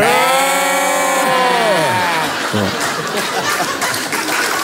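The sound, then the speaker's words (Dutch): Voices imitate sheep, drawing out a loud, wavering bleat that slides downward in pitch, then dissolve into breathy, noisy sounds like stifled laughter, all continuous. “Er zijn schapen.”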